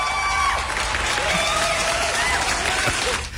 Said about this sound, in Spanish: Qué ovación, tío.